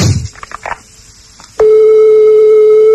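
After a brief stretch of faint clicks and low rustle, a loud, steady telephone ringback tone of an outgoing call to the United States starts and holds unbroken through the end, with no talking.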